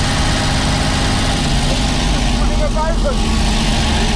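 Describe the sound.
An old Domo milk delivery van's engine idles steadily, a loud, continuous low rumble with a constant throb throughout. Faint voices can be heard briefly beneath it.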